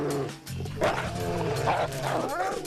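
A pack of sled dogs barks and yelps excitedly, their overlapping, pitch-bending cries filling a busy, continuous chorus that stays loud throughout.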